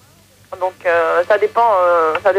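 A mobile phone ringtone in a studio plays a short melodic tune in sustained, bright tones, fairly loud, over a low background hum.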